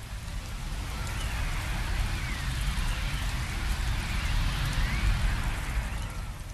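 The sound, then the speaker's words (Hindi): Steady rain pours down in a continuous, dense hiss with a heavy low rumble underneath as a windstorm blows, rain falling on and off through the night; no voices are heard. “रात भर रुक रुक कर बारिश होती या बर्फ गिरती।”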